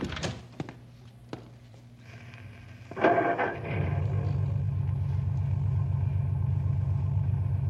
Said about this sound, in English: Go ahead and start the car.